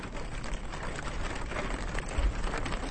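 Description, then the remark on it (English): Steady rain pattering on tinfoil, recorded by the Icelandic artist Hidden Sound: a dense, crackling hiss of countless tiny taps at an even level throughout, with a few slightly heavier drops and a low rumble underneath. “I mean, there's rain on tinfoil that you or I could record, and then there is the same rain on the same tinfoil recorded in such a masterful, precise way with beautiful microphones and perfect conditions.”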